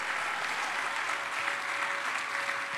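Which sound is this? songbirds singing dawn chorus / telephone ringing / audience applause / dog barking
audience applause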